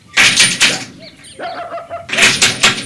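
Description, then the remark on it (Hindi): A postman knocks on the door of a house with two bursts of quick, rapping knocks, separated by a short pause that carries a soft, tonal cooing sound. No one speaks. “दरवाजे पर दस्तक हुई।”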